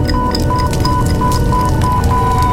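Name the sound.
fire burning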